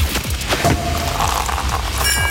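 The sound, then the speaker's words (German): A sparkling wine cork pops loudly, followed by a dense rush of fizzing and hissing bubbles over about two seconds, with no voices. “Also Radio an, denn immer wenn bei uns die Sektkorken knallen, das klingt dann so.”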